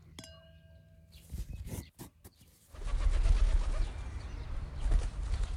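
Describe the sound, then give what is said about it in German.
A raven gives a brief call, then a few sharp sounds before a loud, sustained rush of flapping wings and air as it takes off. “Und so schwingt er sich elegant in die Lüfte und liefert seine Fracht ans Haus Hermann und ist sogar nett genug, ihm den Trank sogleich in seinen Becher zu füllen.”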